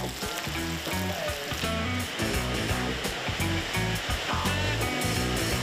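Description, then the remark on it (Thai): Loud, steady sizzling of fish, rubbed with salt and turmeric, frying in hot oil in a wok, continuous hiss throughout with a low rhythmic thumping underneath and no talking. “แล้วก็ต่อไปเราตั้งกระทะครับตั้งกระทะใส่น้ำมันแล้วก็คั่วครับปกติเลยครับใช้ประมาณใช้เวลาประมาณสัก15นาทีครับ”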